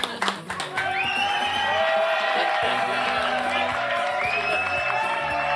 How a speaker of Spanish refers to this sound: ¡Bravo! Ahí aplauden, hombre.